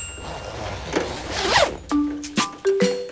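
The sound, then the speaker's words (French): A raincoat zipper is pulled up with a rising, rasping zip as the raincoat is put on, followed by a few short, sharp clicks and tugs. No one speaks. “enfile son imperméable.”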